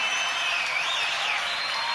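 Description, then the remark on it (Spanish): An audience applauds a band steadily for two seconds, a dense, even wash of many hands clapping at a constant loud level with no one speaking over it. “Fuerte el aplauso para toda la banda”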